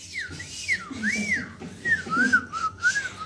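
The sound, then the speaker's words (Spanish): A person whistles a wavering, looping melody, the pitch sliding smoothly up and down in repeated phrases over a faint low background murmur. “Y silbaba mientras hacía.”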